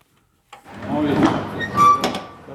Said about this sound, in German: Ein LKW-Fahrer öffnet die Tür zum Laderaum. Dahinter erscheinen stapelweise Kisten, auf denen der Name einer Prosecco-Marke steht.